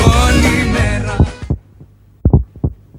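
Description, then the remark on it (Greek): A dense, full-bodied sound cuts off abruptly, leaving a heartbeat sound effect in a time announcement for Radio Chersonisos 97.2: deep, muffled lub-dub thumps in close pairs, steady and prominent against near silence. “Στον επόμενο χτύπο της καρδιάς σου, η ώρα θα είναι 9:30.”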